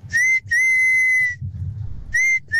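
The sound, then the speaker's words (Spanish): A loud, piercing human whistle from a father calling his children home from playing on the block, repeated in several sustained blasts, steady high tones with brief breaks between them, strong over a faint low rumble. “Entonces llegaba a determinada hora y mi papá salía pues a meternos a la casa, pero su forma era chiflarnos así.”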